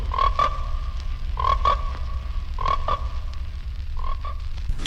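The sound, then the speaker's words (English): A chorus of frogs croaks in repeated bursts roughly once a second, their calls layered over steady low-pitched background noise with no voices present, in a trailer for the American International Pictures film Frogs. “American International Pictures presents Frogs, the story of the day nature strikes back.”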